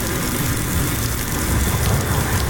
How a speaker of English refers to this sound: Rain continues to fall over the Denver metro this afternoon.